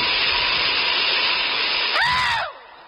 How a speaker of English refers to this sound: There should be a law against trains letting off steam when people are wearing kilts.